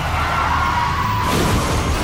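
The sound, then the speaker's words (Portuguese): A car crash sound effect in a road-safety radio ad about not using a phone while driving: a sustained tire screech gives way to a dense, loud burst of crunching, scraping impact noise as the car rolls over, without any voices. “Chefe está capotando.”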